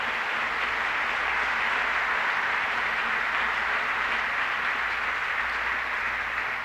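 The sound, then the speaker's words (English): An audience gives the whole show a round of applause, a steady, dense wash of many hands at an even, sustained loudness, no voices audible, lasting the whole stretch without fading. “Very kind of ladies and gentlemen, how about let's get together and give the whole show a big round of applause.”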